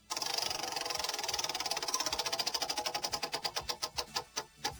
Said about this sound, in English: All right, I'm giving the wheel another spin here.